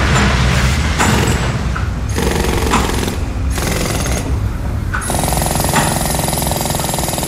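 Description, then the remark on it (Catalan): Loud, continuous clanking and grinding of heavy coal-mining machinery at a mine headframe that hoists coal to the surface on a system of rails and wagons, with rhythmic metallic hammering, rattling and a steady mechanical drone, shifting in texture every second or so. No voices. “També podem perdre'ns en l'intrincat joc de colps, arrossegaments, girs, alarmes, esclafits, cruixits i altres sorolls estridents d'una estructura industrial com esta.”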